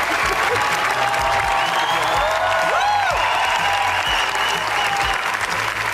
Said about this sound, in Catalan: Vint minuts ha durat els aplaudiments de la Bola Negra, que s'ha convertit en una de les grans candidates a la Palma d'Or.